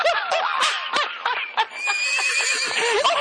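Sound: horse neighing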